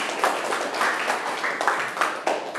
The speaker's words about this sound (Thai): เพื่อนปฏิบัติได้ถูกต้องเปล่าถูกต้องเก่งมากๆเลยครับปรบมือเพื่อนหน่อยขอบคุณครับ